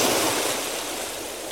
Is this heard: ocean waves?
yes